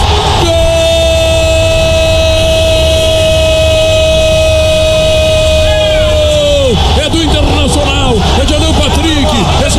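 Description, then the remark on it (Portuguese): Several car horns blare together in one long, loud, unbroken chord for about six seconds, then drop away into a noisy jumble of shouting voices and scattered honks, as Inter fans in cars honk in the Beira-Rio stadium parking lot after a goal against Corinthians. “De hoje que eu quero ouvir a galera que tá no carro, no estacionamento, buzinando pro Inter!”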